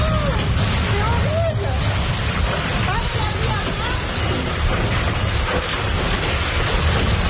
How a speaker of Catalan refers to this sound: Això que sentiu és un tornado. Un tornado a prop de Carcassona, al sud de França, ben a prop de la frontera amb Catalunya.